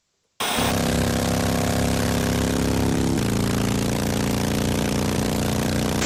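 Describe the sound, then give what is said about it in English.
A motorbike engine kicks in abruptly and runs loud and steady, its droning hum holding with a slight shift in pitch partway through and no voices. “Which one of those was a motorbike? I would say the first one.”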